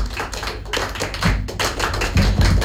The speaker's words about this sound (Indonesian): Tepuk tangan untuk kita semua. Oke. Dua kali tepuk pramuka.